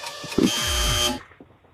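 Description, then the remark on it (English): A single loud, harsh buzzer blares for just under a second as a quiz's time runs out, then cuts off abruptly into quiet. “Oh, that was about 10 minutes after the buzzer.”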